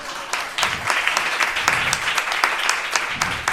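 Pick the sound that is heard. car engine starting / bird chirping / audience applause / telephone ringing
audience applause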